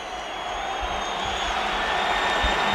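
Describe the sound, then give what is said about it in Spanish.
A stadium crowd at the Metropolitano applauding as Yago Aspas comes off in a substitution, a dense, steady wash of clapping and murmuring noise that holds at an even, moderate level throughout with no distinct voices standing out. “Algún aplauso.”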